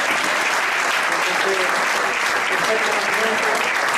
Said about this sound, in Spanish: Así que me gustaría que le diéramos un aplauso.